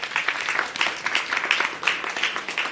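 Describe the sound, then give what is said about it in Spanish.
An audience applauds steadily, a dense wash of many hands clapping with a bright, crackling texture and small swells in loudness, no voices over it. “Muy bien, muy bien. Aplausos.”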